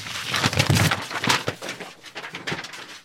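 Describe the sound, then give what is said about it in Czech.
Loose paper catalog pages flutter and scatter in a burst of dry rustling and crackling, several quick flaps tumbling over one another for a few seconds, fairly loud. “Jej, tak se celý katalog rozpadne. Papíry jsou všude.”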